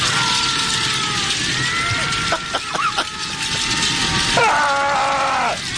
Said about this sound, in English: It's an out-of-control fire.